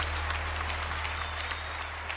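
A burst of applause, many hands clapping steadily and densely, fairly loud and close, with no voices on top and a constant low hum underneath.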